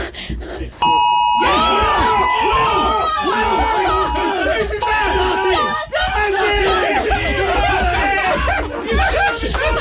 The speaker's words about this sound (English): Let's take you now to the moment. This is 1:59 and 50 seconds, just before we all received the notification. Here we go.